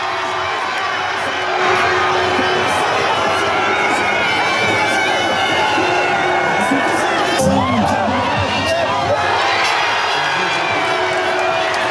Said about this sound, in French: Mbappé exceptionnel qui inscrit son 3e doublé de ce mondial et permet aux Bleus de se qualifier pour le 8e, 3-0 face à la Suède. Ambiance au coup de sifflet final cette nuit, écoutez.